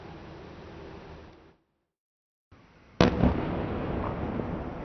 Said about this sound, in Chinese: 当地时间19号凌晨，乌克兰首都基辅多次传出爆炸声。俄国防部同日称，俄军对基辅当地多家军事装备生产企业实施了强力打击。